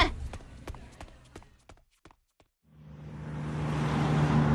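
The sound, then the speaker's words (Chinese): At a bus station, scattered footsteps and clicks give way to a brief hush, then a bus's big engine starts up and settles into a steady, droning idle as the bus is about to depart. “哎，上车上车啊，动作快点儿，马上就要发车了。”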